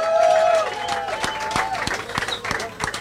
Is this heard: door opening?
no